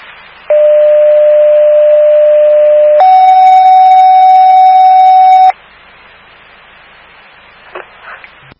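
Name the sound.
fire dispatch alert tone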